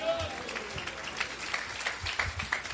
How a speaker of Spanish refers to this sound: Nuestro hermano pastor general con nosotros. Denle ofrenda de palmas a Cristo.